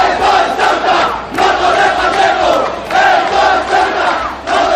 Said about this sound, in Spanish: Se escucharon gritos contra Albise Pérez, entre otros, de "Esto es Ceuta y no Torre Pacheco".